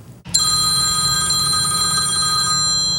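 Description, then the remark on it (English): A telephone bell rings continuously and loudly after a brief silence, its bright metallic tones sustained throughout with no pause, heard alone. “It's the phone calls none of us want.”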